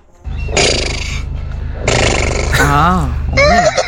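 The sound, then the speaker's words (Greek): A person loudly imitates a horse neighing: a few harsh, strained vocal bursts, then quavering, wavering whinny sounds that rise and shake in pitch. “Δεν ήθελα να κάνει άλογο, ήθελα να περάσει.”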